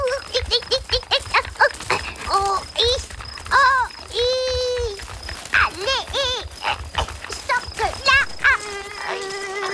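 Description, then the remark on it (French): A thin, high-pitched mosquito whine hums steadily through the whole clip beneath a busy stream of expressive voice sounds, squeaks and sliding vocal tones. “Le proboscis du moustique est resté coincé dans l'oreille du chien.”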